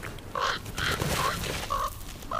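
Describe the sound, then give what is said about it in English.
Several hungry crows caw in harsh, repeated bursts, about four or five calls in quick succession, loud over a low rumbling outdoor background. “The hungry crows soon regain their courage.”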